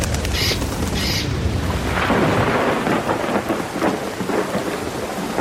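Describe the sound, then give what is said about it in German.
Heavy rain hisses steadily while low thunder rumbles throughout, loud, with no voices, just the dense wash of a storm. “Heute soll es ja an vielen Orten in Deutschland ordentlich regnen.”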